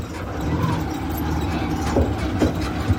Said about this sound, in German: Das rote Tricycle kommt nur langsam voran. Das Motorrad mit angehängtem Metallgehäuse holpert über enge Schotterwege.